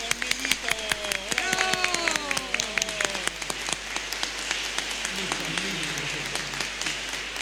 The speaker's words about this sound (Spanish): Y le damos un aplauso a nuestros niños también.